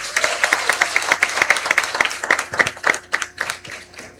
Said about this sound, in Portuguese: Mais uma vez, o acolhemos com a salva de palmas.